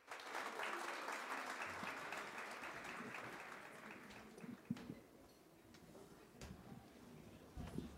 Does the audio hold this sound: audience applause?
yes